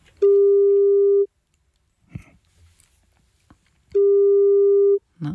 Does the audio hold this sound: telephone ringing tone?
yes